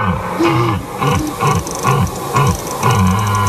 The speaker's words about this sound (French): c'est le fameux brame du cerf. Et oui, chaque année, on se réjouit, ça nous fait toujours bien rire et c'est assez sympa à voir, à aller voir.